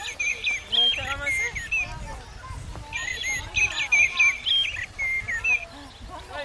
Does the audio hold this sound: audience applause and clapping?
no